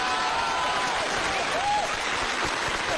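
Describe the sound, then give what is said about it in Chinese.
A steady burst of audience applause fills the whole stretch, dense and fairly loud, with many hands clapping at once in an unbroken wash. “转过去， 转过去，转过去，就是一片掌声啊！啊！鼓掌的都是懂艺术的。”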